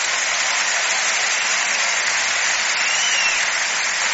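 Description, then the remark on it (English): A large crowd at a live concert performance in Paris applauds steadily, a dense, continuous wash of clapping that holds at full volume throughout with no voices rising above it. “And we're doing live performances, and man, I tell you, you listen to that crowd. That's live in Paris.”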